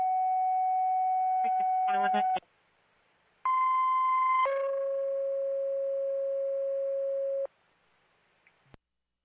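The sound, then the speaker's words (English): Dispatch alert tones paging the Monroe fire station for a second ambulance: a long steady mid-pitched tone with a brief warbling burst at its end, a pause, then a higher tone stepping down into a longer, lower sustained tone. “I'm on toning the Monroe Station for a second ambulance.”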